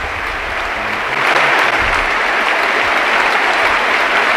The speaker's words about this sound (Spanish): Dani Parejo, que se marcha con ese gol y con esta gran ovación. Se van él y también Alfonso Pedraza. Abrazados uno a uno por todos los compañeros del Villarreal. Se para el partido. Ahí está el homenaje de la cerámica.